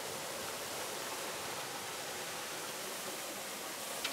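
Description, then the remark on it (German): Water rushes out of a 3000-liter tank through its opened bottom slide valve into a soakaway pit, while a connected water hose flushes water through the tank, in a steady, unbroken hiss and gush, loud and even throughout, with no voices. “Es soll auch irgendwann heller werden, weil ich habe jetzt schon einen Wasserschlauch angeschlossen und lass Wasser mit durchlaufen, dass der Tank gleich mal mit durchspült.”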